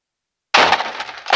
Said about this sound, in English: by the sound of the outer door crashing into poorly positioned succulent.